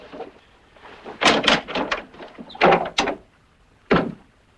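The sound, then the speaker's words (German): A door bolt is slid shut in a series of wooden clunks and scraping knocks, clustered together with a final separate thud; no one speaks. “Zunächst werde ich den Riegel an der Tür zuschieben.”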